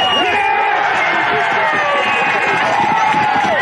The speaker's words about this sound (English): The Gorillas avoiding a 15th straight loss as Ben Askew scored the winning try just minutes to go, sending the home crowd ballistic.